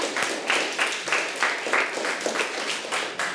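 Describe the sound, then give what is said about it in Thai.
A group of children claps together for three groups of their classmates in a steady, rhythmic beat, about three claps per second, fairly loud, with no talking over it. “ปรบมือให้เพื่อนทั้ง3กลุ่มเลยนะคะ”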